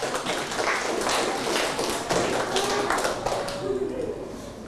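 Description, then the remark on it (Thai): Students in a classroom clap for a classmate, a dense, steady patter of many hands lasting a few seconds before thinning out, with faint voices appearing toward the end. “เอาปรบมือให้เพื่อนหน่อยเร็ว”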